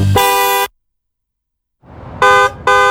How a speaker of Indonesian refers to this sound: klakson mobil kini juga digunakan sebagai alat peringatan dalam situasi darurat untuk memberikan sinyal kepada pengemudi lain saat berpindah jalur atau akan melakukan pengereman mendadak.